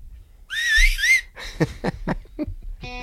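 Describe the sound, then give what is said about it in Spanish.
A clear, wavering whistle carries a short melodic phrase up front, followed by a run of sharp percussive hits and then a sustained tonal note as the song begins. “El silbido.”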